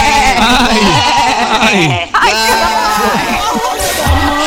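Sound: goats bleating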